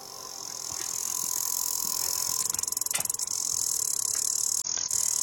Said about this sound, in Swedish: Ja, det här klickande ljudet är kaskelottvalen, så enligt en stor internationell studie är lätet väldigt likt det mänskliga språket i sin uppbyggnad.